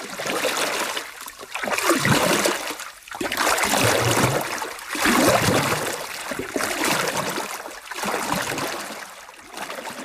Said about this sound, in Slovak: Vzal gitaru, nasadol do loďky a odplával k ostrovu.